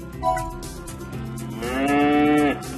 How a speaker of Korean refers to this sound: 우리가 찾던 울음소리의 주인공을 찾았어. 울음소리의 주인공은 젖소였구나. 젖소.